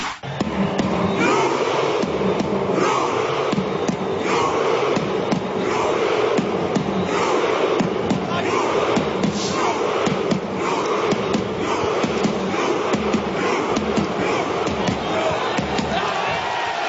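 A huge crowd of Norwegian fans chants in unison, punctuated by steady rhythmic beats like synchronized claps or stamps, as they do the rowing chant, sitting down and physically rowing. The roar stays loud and continuous throughout.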